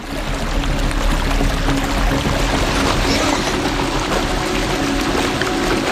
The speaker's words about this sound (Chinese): 漫溢的河水很快淹没了林地。